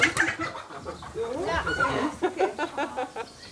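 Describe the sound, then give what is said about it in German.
Caught hens, which are to be moved into a mobile coop on a chicken meadow, cluck in a busy flurry. Their short throaty calls overlap and quicken into a rapid run of clucks near the end, with faint human voices mixed in. “Die gefangenen Hennen sollen in einem Mobilstall auf die Hühnerwiese ziehen.”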